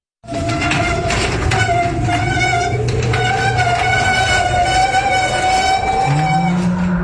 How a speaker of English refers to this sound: It sounds like your old garage door is trying to scare you again. It's noisy, it's cranky, and honestly, it looks like it might be haunted.